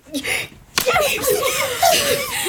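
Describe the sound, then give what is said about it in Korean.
A single sharp, loud slap to the cheek cracks out after a brief rustle as a shouting mother strikes someone's cheek, followed immediately by an agitated voice carrying on over it. “거기에 끌려 엉거주춤 일어섰고 엄마는 고함을 지르며 내 뺨을 때리기 시작했다.”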